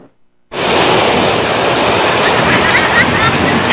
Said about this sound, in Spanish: Este fin de semana el fenómeno del mar de fondo se resintió en las playas de Acapulco. El alto oleaje se notó con fuerza en Playa Papagayo, así como en Caleta y Caletilla.